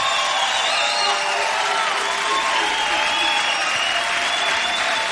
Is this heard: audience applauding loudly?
yes